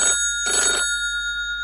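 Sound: telephone ringing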